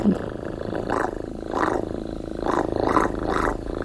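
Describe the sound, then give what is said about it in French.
A person uses their mouth to imitate a small cat purring as a sound effect: a low, throaty rumble that swells in a steady rhythm, about five pulses, with no talking. “Par exemple, les petits chiens, un petit chat qui ronronne.”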